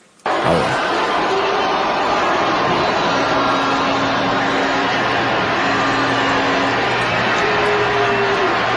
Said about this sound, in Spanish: Ahí la están abuchando. La están abuchando. Es un abucheo grande, ¿eh?